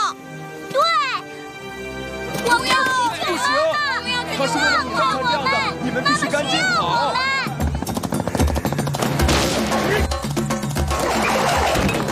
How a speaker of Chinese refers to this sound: 这直升机，我是说直升机。